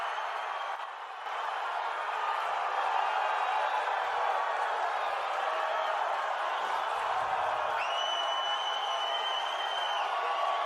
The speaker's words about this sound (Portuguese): Esses são os convidados presentes no Museu do Amanhã, cerca de 1.000 pessoas. Não é uma torcida organizada.